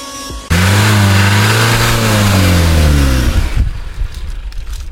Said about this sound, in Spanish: Va, se apagó el carro. Nos quedamos sin gasolina.